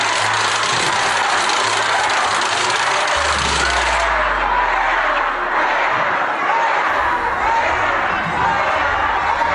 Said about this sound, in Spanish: Y ante los gritos de estos manifestantes, la presidenta respondió de esta forma.